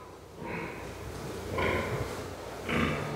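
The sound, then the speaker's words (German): Sows grunt back and forth, three short snorting grunts spaced about a second apart over a low, steady barn rumble, moderately loud. “Die Sauen sehen sich nicht, deshalb grunzen sie,”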